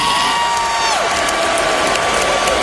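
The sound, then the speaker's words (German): A loud concert crowd on the Canadian side of Lake Ontario cheers and roars without a break, a dense wash of voices, while a sustained high tone glides downward early on and then holds steady. “Er sagt, wir sind hierher gekommen, indem wir den Lake Ontario überquert haben und das Publikum feiert.”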